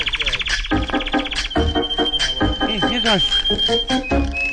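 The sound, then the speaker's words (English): Song of the Smarts Mountain canaries played from a record on a turntable: a fast, buzzy trill opens, then a long high whistled note runs on beneath lively chirps and swooping warbles, loud and continuous throughout. “Here's our Smarts Mountain canaries.”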